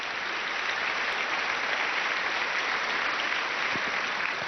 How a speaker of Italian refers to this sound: Ci uniamo a questo applauso.